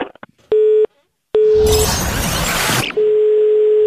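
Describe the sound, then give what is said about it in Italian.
A telephone busy tone after the other party hangs up the call sounds in loud, clear beeps, briefly swamped by a burst of harsh crackling noise before the steady tone returns; no one speaks. “Tu mi hai messo giù il telefono.”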